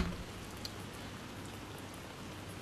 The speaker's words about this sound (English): And by the way, if you're just tuning in, we're manifesting rain. That is not static in your radio. It is rain.